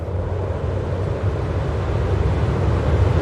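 Steady wind rushes across open wilderness after sunset, a continuous low, rumbling roar with a broad hiss above it, holding even and fairly loud throughout with no voices.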